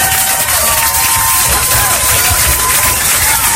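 Steady applause from a crowd fills the whole stretch, dense and loud clapping with some cheering mixed in, holding at an even level throughout.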